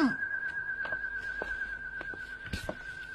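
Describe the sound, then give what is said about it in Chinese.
A steady, high whistling drone from whistles on flying pigeons carries unbroken throughout, with a few soft clicks and taps scattered underneath and no one speaking. “不对，鸽子怎么会吹口哨呢？”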